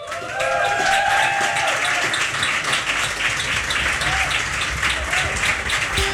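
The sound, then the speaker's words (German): An audience applauds steadily at a live radio session on the Flux FM rooftop terrace, dense clapping filling the whole stretch at a fairly loud, even level, with a few brief whistles or cheers cutting through. “… gibt's jetzt live hier auf 100,6 Flux FM. Applaus!”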